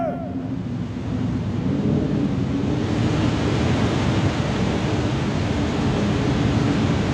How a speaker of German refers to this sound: Das Meer bebt! Sieh die Wellen! Das Meer tut sich auf!